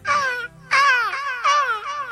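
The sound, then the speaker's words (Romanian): A person in a jury-scored imitation contest imitates seagull cries, giving three loud, nasal wailing calls with a wavering, falling pitch and short gaps between them. No talking is heard. “Când ești în vacanță, îți amintești mereu sunetele valurilor și țipetele pescărușilor.”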